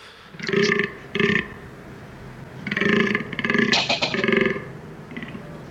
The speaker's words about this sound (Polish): I październik to jest czas, kiedy zaczyna się bekowisko, a nazwa tego okresu godowego u tego gatunku pochodzi od właśnie głosu, który wydają, który przypomina trochę takie bekanie.